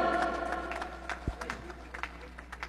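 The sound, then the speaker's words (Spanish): An audience claps in a dense, steady patter of applause for the members of the community Cristo de Esquipulas, fading slightly over a few seconds, with a voice briefly audible at the start. “Y también gracias a los hermanos de la comunidad Cristo de Esquipulas, fuertes aplausos.”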